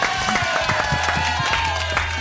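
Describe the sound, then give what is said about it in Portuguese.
A studio audience on the Papo de Craque show breaks into a short burst of applause for Dodô and Dentinho, dense overlapping claps with a faint murmur of crowd voices, steady and fairly loud for about two seconds. “Uma salva de palmas para Dodô e Dentinho.”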